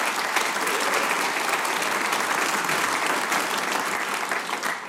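A crowd applauds steadily, a dense, even patter of many hands clapping at a constant loudness throughout, with no voices standing out.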